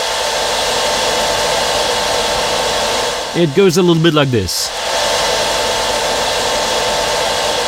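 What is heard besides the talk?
hair dryer running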